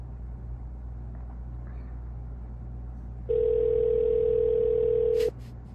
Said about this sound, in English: They're just going to let it ring. He's probably working there by himself. Oh, you know what? Let it keep ringing